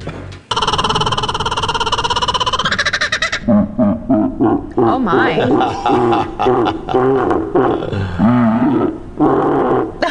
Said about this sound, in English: Well, maybe you can guess what a bird called the laughing kookaburra sounds like, but what about when you slow it down?